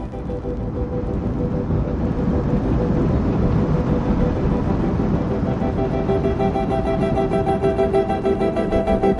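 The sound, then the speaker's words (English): A train rolls steadily along the rails with a loud, continuous low rumble; faint rhythmic clacking and a thin metallic whine emerge toward the end. No voices. “Have you ever heard railroad train wheels rolling along the rails, clickety-clack, clickety-clack, and thought how musical they sound?”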